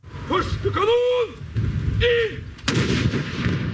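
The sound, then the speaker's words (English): A loud cannon blast booms across an open outdoor space and rumbles on afterward, preceded by a noisy stretch with rising and falling high-pitched calls: a midday cannon salute fired over rain-soaked Oslo, Norway, for the dead King Harald. “At midday, cannons fired over Oslo as a salute to the dead monarch.”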